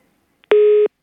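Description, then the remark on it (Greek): A single loud, steady telephone line tone sounds for about a third of a second after a moment of silence, after the caller hangs up; clean, with no voices around it. “Έκλεισε και το τηλέφωνο.”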